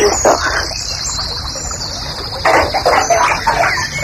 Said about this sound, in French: Un truc très joli ça aussi, ça, c'est le rossignol et cascade. Ça donne envie de pisser ça.